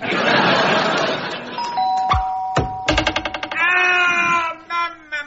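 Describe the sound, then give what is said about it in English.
A front doorbell, part of a homemade combination doorbell and crossbow invention, rings: first a rapid rattling buzz and then a sustained ringing chime, preceded by a burst of noisy clatter and a few sharp thumps. “Oh, maybe that combination doorbell and crossbow invention wasn't one of my best.”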